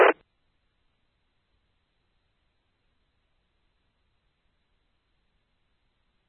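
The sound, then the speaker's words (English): A single short, loud burst of radio static on a two-meter radio transmission, like a squelch crash at the end of a transmission, cuts off abruptly and leaves several seconds of silence. “A little bit of background noise there, a little static, but not bad.”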